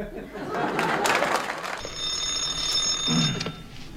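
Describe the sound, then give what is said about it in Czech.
After a moment of muffled commotion, a telephone bell starts ringing in the dispatcher's office of the Nimrod national enterprise: a bright, steady electric trill lasting about two seconds, fairly loud. “Ano, ano, u telefonu dispečer Kňourek.”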